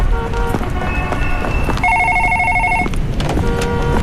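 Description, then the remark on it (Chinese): An office telephone rings repeatedly in bursts of bright, buzzing electronic tones, the longest and loudest in the middle, over a steady rushing background noise with no one speaking. “刚一进办公楼，董杰就听到自己的办公室里电话铃响个不停，他快步走进办公室。”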